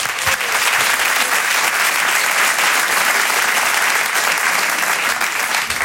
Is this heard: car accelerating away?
no